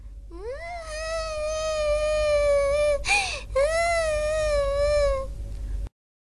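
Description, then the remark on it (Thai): A kitten meows plaintively in two long, drawn-out wails with a brief break between them, fairly loud with no other sounds around it. “เป็นอะไรหรือเปล่าแมวน้อย”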